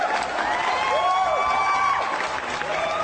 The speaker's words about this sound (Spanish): ¡Un aplauso!